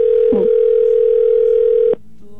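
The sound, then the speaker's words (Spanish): A steady, loud telephone dial tone hums continuously for about two seconds as a call is placed live on air on radio station Cristal 93.3, briefly touched by a small click or voice blip, then cuts off abruptly into quiet line noise. “Va, vamos a marcarle.”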